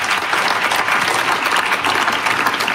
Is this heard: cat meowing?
no